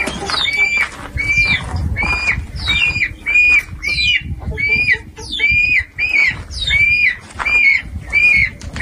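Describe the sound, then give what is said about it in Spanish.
A flock of birds and hens squawk and call in a steady, repeating chorus during the totality of a solar eclipse, loud, with a low rumble of background noise underneath. “Pájaros, gallinas, ahora nos dirán.”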